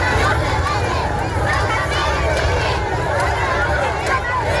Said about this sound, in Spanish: Don Felipe y también doña Leticia han sentido el calor de miles de ceutíes agolpados en las ciudades a gritos y con banderas de España.